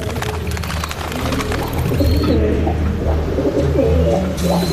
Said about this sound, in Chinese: 盲巴一阵得意，模仿着鸽子的声音，冲着活鸽子咕咕叫了两声，顺手将鸽子放进鸽子笼。